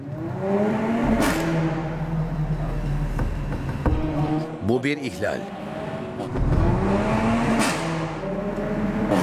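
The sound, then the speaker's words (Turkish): A red car's engine revs up and down in city traffic, its droning tone rising and falling, punctuated by a few sharp pops from its exhaust system, while a man speaks briefly over it. “Önümüzdeki kırmızı araba egzoz sisteminden sürekli patlamalar yapıyor.”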